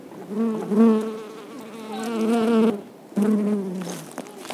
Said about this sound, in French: On a vu des abeilles, on a approché le micro d'eux, ça a fait bzzz et voilà. Enregistrement d'abeilles.